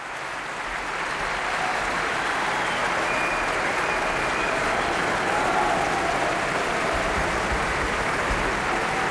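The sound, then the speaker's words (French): Sustained, dense applause from the audience of the Berlin Philharmonie for pianist Francesco Piemontesi, a steady roar of many hands clapping at an even, loud level throughout, with no voices standing out. “Le pianiste Francesco Piemontesi, copieusement applaudi par le public de la Philharmonie de Berlin, qui aimerait bien en écouter un peu plus.”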